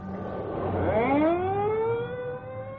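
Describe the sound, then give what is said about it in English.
An ambulance pulls away and police cars leave a jammed block outside Club Shenandoah, their sirens wailing loudly, pitch sweeping upward and then holding steady, layered over a low rumble of traffic with no voices. “The ambulance is pulling away. And there go the police cars.”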